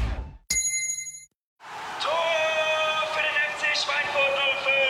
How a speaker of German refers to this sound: Und jetzt wieder Trinkpause. Der Gong. Hydration Break.